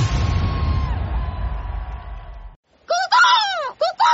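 A Western Scrub Jay gives a quick run of loud, harsh, rasping calls, three or four scratchy bursts close together, following a few seconds of roaring crowd-like noise and a brief silence.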